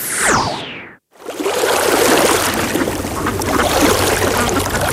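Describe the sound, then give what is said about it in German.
A brief rushing swoosh cuts off into a moment of silence, then the steady water of a Bavarian lake, spring or river babbles and splashes continuously, like a lively stream running over stones. “Ihrem Wasser klingt Bayern anders. Hör hin. See, Quelle, Fluss, im Gleichgewicht, noch, Schätze bewahren, aus Liebe zum Hier.”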